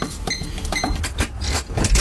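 a singer's tour bus door opening: a busy run of loud mechanical clunks, clicks and rattles over about two seconds, ending in a heavier thud, with no voices.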